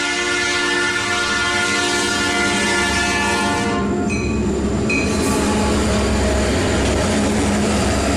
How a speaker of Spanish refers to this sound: Así se escuchaba el silbato del tren, cuadras a la redonda mientras cruzaba como todos los días por las escondidas vías muy cerca del bulevar Vito Alessio Robles,